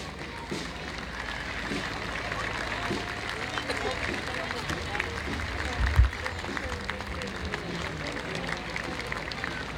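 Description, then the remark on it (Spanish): An audience applauds steadily for nearly ten seconds in thanks to the Carabineros de Chile at a civic ceremony, a dense wash of clapping at even loudness with a murmur of crowd voices underneath and one brief low thump midway. “Agradecemos, por supuesto, con el aplauso de cada uno de ustedes, a nuestros carabineros de Chile, que en el día de hoy rinden homenaje a nuestra patria, 421 años.”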